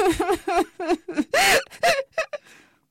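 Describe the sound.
A voice imitates sobbing and whimpering: a rapid string of short, wavering, high-pitched whimpers swelling into a longer wail, then a few trailing sniffly sobs, fairly loud.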